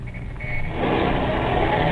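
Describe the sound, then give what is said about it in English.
A car engine rumbles and then revs up, growing louder and steadier as the vehicle pulls away, with no talking. “Start this bus and then step on the gas.”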